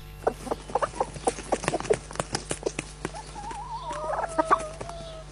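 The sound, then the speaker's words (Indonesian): A mother hen clucks in quick, uneven bursts of short notes through the first half, then a wavering, drawn-out call rises over them, fairly loud, with no one talking. “Sedang apa induk ayam itu? Sedari tadi di situ.”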